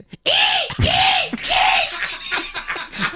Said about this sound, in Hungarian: Na de akkor ornitológia. És akkor most jön a sirály.